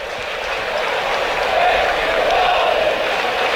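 A large stadium crowd at a baseball game roars and cheers for a fan, heard up in the broadcast booth. The cheering is a dense, steady wash of voices that swells slightly midway and holds for several seconds without a break.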